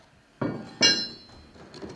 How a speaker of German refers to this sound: Die schweren Holzfenster werden geöffnet, um hier ein bisschen Luft reinzukriegen, beziehungsweise vor allem Licht reinzukriegen auch.